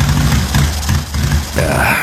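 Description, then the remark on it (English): A motorcycle engine sputters on a cross-country trip, its low rumble surging and dipping unevenly with brief stumbles before picking back up, loud and steady throughout. “Bike sputtering on me.”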